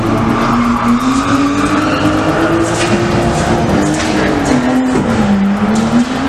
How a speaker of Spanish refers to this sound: Este sonido, o alguno parecido, el de carreras ilegales que no dejan de crecer en la capital pacense.